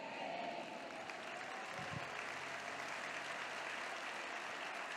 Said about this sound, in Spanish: Te damos aplausos, Señor, te damos aplausos, Padre.